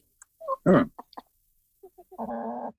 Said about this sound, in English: The Canadian chickens are fainter because I think they're further away from the laptop. The British one is the louder one. But which is the most talkative?